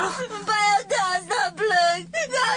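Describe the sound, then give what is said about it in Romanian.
A voice whimpers and cries in several short, wavering bursts, fairly loud, with brief pauses between sobs and a low steady hum underneath. “Nu mai plânge!”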